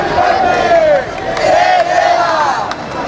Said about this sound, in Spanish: Es sonido de la protesta que arrancaba a las 6:30 de la tarde desde la Puerta del Sol hasta el Congreso de los Diputados para reclamar medidas urgentes que garanticen el derecho a la vivienda.